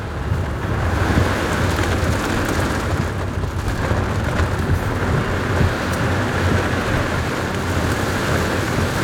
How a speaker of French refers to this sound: Là, on rentre dans le dur. Hein. Bon, on est vraiment au cœur de l'orage. Hein. Ouais. Là, il y a la pluie, le vent, les éclairs. Là, on voit plus rien. Hein. On va vraiment... En plus, il y a des coups de foudre qui tombent devant.